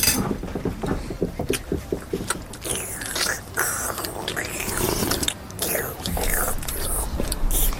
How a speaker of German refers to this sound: Hör mal auf zu schlürfen.